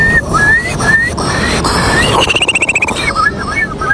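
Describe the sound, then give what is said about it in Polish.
A contestant in a Polish bird-imitation competition imitates a Eurasian curlew: a string of rising, whistled notes, then a fast bubbling trill that rises in pitch before returning to the rising whistles, with breathy noise throughout. “Twój numer popisowy? To będzie kulik wielki. Brzmi on mniej więcej tak.”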